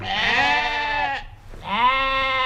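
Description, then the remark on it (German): Two long, wavering bleats from sheep grazing for nature conservation on the juniper heath near Berkatal-Frankershausen, by the Hoher Meißner in Hesse, Germany; loud, in close succession, with a brief pause between them and no talking. “Die Schafe fressen hier für den Naturschutz, denn sie kauen alles weg”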